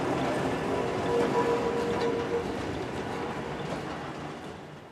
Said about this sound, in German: Wer noch nicht genug hatte, für den steht vor dem Jugendstilbahnhof die historische Straßenbahn zur Fahrt ins Eisenbahnmuseum bereit.